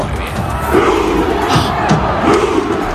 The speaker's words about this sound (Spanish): Claro, aquí los hinchas están imitando, están remando ese barco vikingo imaginario, están remando